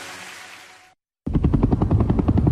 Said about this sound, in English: It was the sound of a helicopter in the distance, and I knew it was looking for me.